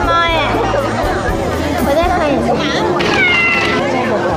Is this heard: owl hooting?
no